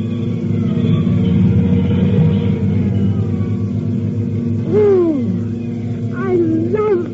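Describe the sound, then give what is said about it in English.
Heavy engines rumble steadily and loudly, with rising and falling siren-like wails cutting through near the end, as fire engines roll past up 4th Street at night, answering an alarm from box 1167, Morton and 3rd Street. No one speaks. “Nobody will remember anything but the engine.”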